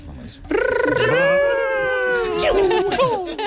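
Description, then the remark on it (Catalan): A voice imitates the video game character Sonic, a blue hedgehog, running very fast, as part of a game where parents make video game sounds: one loud, sustained, wavering vocal tone that rises sharply, holds with a warble, then slides and dips for about three seconds. “I heu de fer el … en Sonic corrent molt ràpid, molt ràpid, molt ràpid.”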